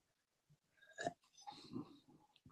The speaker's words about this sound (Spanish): Déjenme tomar otro trago de mi té.